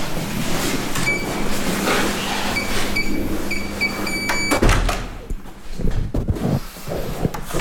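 A heavy wooden door into a historic library room creaks open with drawn-out squeaks, then bumps with a low thud, followed by scattered clunks and rustling, all over a steady background hum.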